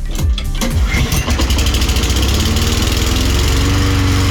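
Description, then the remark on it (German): A lawn mower engine sputters into life after a brief pull, then settles into a loud, steady drone with a pulsing mechanical rhythm; it is Gunnar's lawn mower, a well-established device at Radio Osnabrück. “Immer wenn es um Rasenmähen ging, dann war er ganz weit vorne. Gunnars Rasenmäher.”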